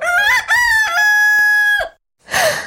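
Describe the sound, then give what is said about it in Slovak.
A rooster crows loudly, one long drawn-out cock-a-doodle-doo with rising notes and a sustained final tone, followed after a brief pause by a short breathy exhale. “Diabol sa prepadol do pekla a pred naším domom sa objavil obrovský kohút.”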